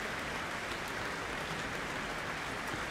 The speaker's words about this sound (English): Earning a very warm applause here for the cultural exchange gesture.